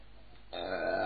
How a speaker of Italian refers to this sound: Pardon? Sto ruttando come un dannato, mi sono fatto una pasta pazzesca oggi.